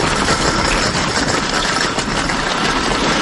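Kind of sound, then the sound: vehicle, car engine running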